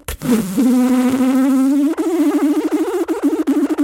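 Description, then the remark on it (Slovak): Two wasps buzz loudly in the air, a steady droning hum that starts to waver and pulse after a couple of seconds, with no voices alongside it. “Lúčny koník začul ďalší zvuk.”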